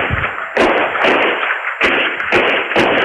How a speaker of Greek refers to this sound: Ο 54χρονος τον πυροβολεί 6 φορές με περίστροφο. Κάμερα ασφαλείας καταγράφει τον ήχο των πυροβολισμών.